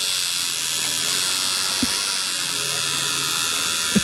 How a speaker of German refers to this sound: Klingt so ein bisschen wie meine elektrische Zahnbürste. Ist aber eine Tattoo-Nadel.